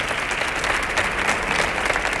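Sustained audience applause: a dense, steady wash of many hands clapping at once, loud and even throughout with no voices standing out.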